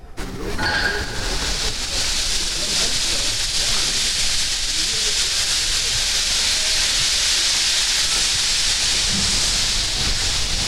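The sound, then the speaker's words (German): A steam locomotive hisses steadily as it rolls along, a loud broad rushing noise over a low rumbling undertone that holds unbroken for the whole stretch, with a few brief tonal whistles early on. “Unsere Maschine rollt inzwischen wieder.”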